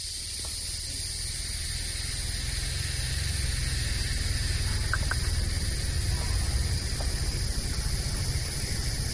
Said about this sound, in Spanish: Y tenemos aquí unas chicharras también, grillos con chicharras.